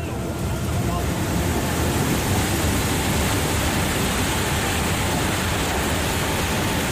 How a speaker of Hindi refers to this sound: लगातार हो रही मूसलाधार बारिश के चलते बीन नदी अचानक उफान पर आ गई।